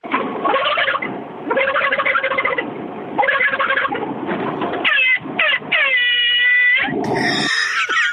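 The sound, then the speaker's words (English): A person vocally imitates a turkey, with several rapid warbling gobble bursts, then shifts to a sustained, loud, blaring tone mimicking an air horn, ending in a brief noisy burst. “I'm pretty much known for being the imitation machine at work, so I'll give you my turkey and then my air horn.”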